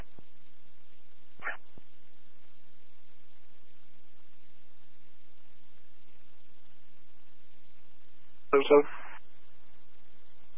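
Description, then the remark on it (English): A dog that its owner forgot to let out barks: one faint, short yelp early on, then a louder burst of one or two barks near the end, against a quiet, steady background hiss. “The owner forgot to let the dog out.”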